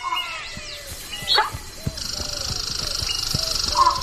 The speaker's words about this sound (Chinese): 除了保持警惕，水鹿还有自己的情报网络。另一只从旁边经过的水鹿看到了玛雅，向同伴发出警报。